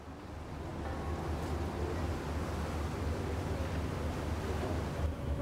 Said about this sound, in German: Der südlichste Schiffsanleger auf dem Vierwaldstätter See. Flühlen. Hier wendet das Schiff. Der See wird unruhig.